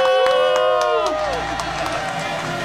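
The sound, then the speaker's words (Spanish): An audience applauds and cheers loudly and steadily for two guests as they are introduced, with sharp claps cutting through and high, sliding whoops rising and falling over the crowd noise. “El aplauso fuerte para ellos, bravo.”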